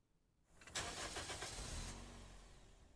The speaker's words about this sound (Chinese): 今天节目在第一首歌曲呢，这个歌曲的前奏立刻就有一个发动引擎的声音